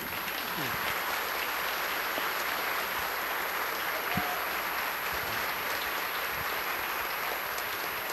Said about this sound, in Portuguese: nós vamos ficar de pé e saudá-los com uma salva de palmas.